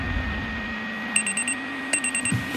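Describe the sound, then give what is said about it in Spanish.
An electronic alarm clock beeps in two short bursts of rapid, high-pitched beeps, clear over a steady low background hum. “El despertador.”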